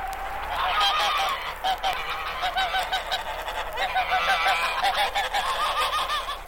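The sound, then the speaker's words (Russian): A flock of geese swimming in a small ice hole on a frozen river honks from the other side of the river in the evening, loud, overlapping, agitated calls, harsh nasal cries tumbling over one another in an uneven rhythm with no pauses and no voices. “И в самом деле, вечером с другой стороны реки послышались тревожные крики.”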